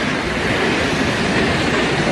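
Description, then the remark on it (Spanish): A waterfall with a 222-metre drop into a rock cirque, in a natural park on the border between Álava and Burgos near the Orduña pass, roars steadily and loudly, a dense, unbroken rush of crashing water that fills the whole clip without pause, with no voices. “Son 222 metros de caída en un circo de piedra fabuloso.”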